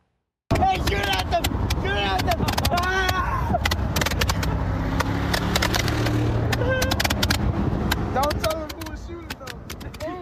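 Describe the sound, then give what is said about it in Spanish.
Rapid, sharp firework bangs and crackles burst repeatedly as several people launch fireworks from a moving pickup truck in Washington state on the night of July 4, shortly before a deadly fire began, over a steady vehicle engine rumble, with excited voices shouting and talking throughout. “Las imágenes muestran a varias personas lanzando fuegos artificiales desde una camioneta en movimiento poco antes de que comenzaran las llamas.”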